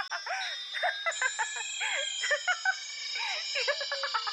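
An electronic alarm clock rings with a rapid, warbling series of chirping beeps over a steady high-pitched tone. It is fairly loud, runs continuously for several seconds, and has no talking over it.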